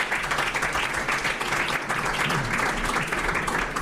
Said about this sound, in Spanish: Les damos un aplauso a ellos cuatro, ustedes.